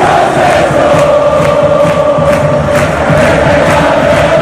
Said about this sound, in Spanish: No es sonido ambiente del Mundial, es sonido de la Rosaleda hace 10 minutos.